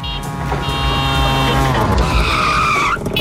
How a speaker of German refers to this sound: Und das Tuk-Tuk, by the way, klingt so.